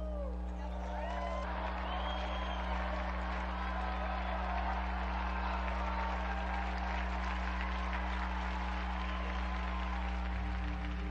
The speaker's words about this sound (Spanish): Unidos pues a la familia dominicana y a todo el pueblo peruano y latinoamericano, brindemos nuestro vivo aplauso a Santa Rosa de Lima.